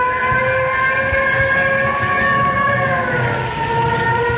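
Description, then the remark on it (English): Fire engines roar past with loud, sustained siren tones that hold a steady, slightly wavering pitch over a heavy rumbling engine noise. No one speaks. “here come the fire engines.”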